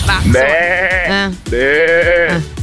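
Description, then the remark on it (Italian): A person imitates a sheep with two loud, drawn-out, quavering bleats, one right after the other, with no other sounds. “Urca, vi ho chiesto così se sapete imitare il suono di qualche animale.”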